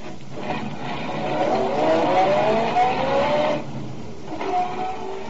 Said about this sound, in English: I got in my car, drove down to Walnut Street.